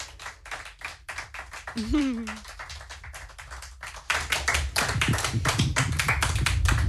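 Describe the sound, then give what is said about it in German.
Steady rhythmic clapping from an audience after a concert in a TV studio in Kiel, with a brief vocal whoop partway through, then the applause swells louder and denser, continuing to the end. “Ein Riesenapplaus für dich.”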